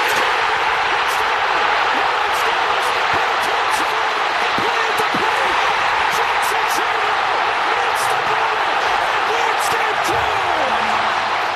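A stadium crowd at the Brewers-Padres game roars loudly and without letup for about eleven seconds after Churio's bases-loaded walk-off hit, a dense wall of cheering with scattered sharp claps and thumps cutting through.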